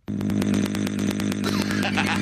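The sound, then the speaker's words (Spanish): A voice imitates a chainsaw with a loud, steady, rattling buzz that pulses rapidly, held unbroken for about two seconds, its tone roughening and rising slightly near the end. “Oye, güey, si le das igualito que motosierra.”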